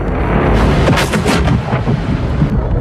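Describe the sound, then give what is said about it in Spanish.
A loud, deep sound effect of a star's supernova explosion rumbles continuously for a few seconds, with thunderous low booms and crackling bursts layered over a dense roar. No one speaks. “Las estrellas en el universo estallan constantemente.”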